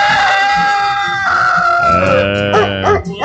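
A rooster named Tonicão crows in one long, loud, strained call that holds a high pitch, then breaks into a wavering, falling finish. No voices are heard.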